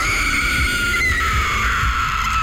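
The crying of La Llorona: a drawn-out, high wailing cry like a ghostly woman's lament holds steady and slowly sinks in pitch, loud and continuous with no talking.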